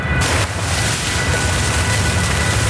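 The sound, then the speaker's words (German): Water gushes from a borehole pipe in a borehole niche where water drains out of the rock, about 200 liters per minute. A loud, steady rushing roar with a deep rumble beneath a broad hiss holds constant throughout, with no voices. “Das Wasser sprudelt. Wir stehen in einer Bohrnische, wo Wasser aus dem Fels abfließt.”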